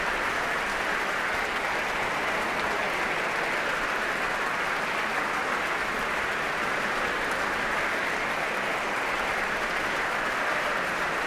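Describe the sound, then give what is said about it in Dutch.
Sustained applause from a large audience in the main hall of the Concertgebouw on a Thursday evening, 24 September, for conductor Dima Slobodenjuk after the Concertgebouw Orchestra played waltzes from Strauss's Der Rosenkavalier, a dense steady clatter of many hands clapping at even loudness for the whole stretch, with no voices standing out. “Groot applaus hier voor Dima Slobodenjuk.”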